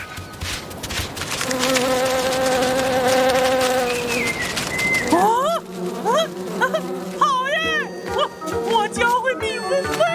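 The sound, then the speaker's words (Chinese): A steady, droning buzz of bees fills the first half, fairly loud, then gives way to lively, pitch-sliding vocal chatter over a softer hum. “来，小蜜蜂们，来闻闻看。”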